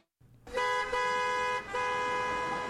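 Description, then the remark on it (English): Loud car horns blare in two long, sustained honks, one right after the other, over a low rumble of street traffic. No one speaks. “Are you stuck in traffic?”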